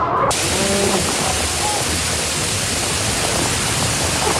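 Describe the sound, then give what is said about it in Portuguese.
Torrential rain and wind in a storm over Zurich, Switzerland, that wrecked structures and toppled trees: a dense, steady roar of hissing noise that stays loud and unbroken from start to finish, with faint traces of a voice in the first second. “Chuva torrencial e vento arrasaram várias estruturas, causaram a queda de árvores.”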